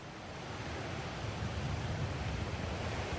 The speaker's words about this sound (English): I have to say actually the wind speaks for itself. You can see behind me those waves that had been picking up for the past few hours here on the island of Crete. That's showing us here that the winds are becoming even more strong overnight